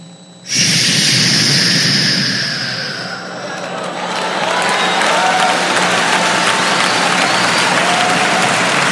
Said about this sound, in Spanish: Ahora ya va a aplaudir, escucha bien.